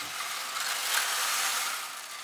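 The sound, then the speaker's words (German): A steady, dense rattling hiss like rain from an organ rain effect in the Michel church: pebbles tumbling in a rotating drum like a washing machine, operated from the central console and restored in 2010. It swells slightly in the middle and holds at an even, moderate level with no voices. “Da ist Kieselstein und das ist ja quasi wie eine Waschmaschine. Und wenn das sich umdreht, klingt das wie Regen unten in der Kirche.”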